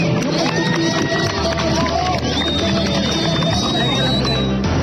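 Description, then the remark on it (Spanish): A crowd of tourists on the beaches of Santa Marta applauds and cheers continuously for patrolling soldiers, a dense wash of clapping mixed with excited voices and a few whistles, with footsteps and movement underneath. “Cuando los turistas vieron a los soldados patrullando, salieron a aplaudirlos.”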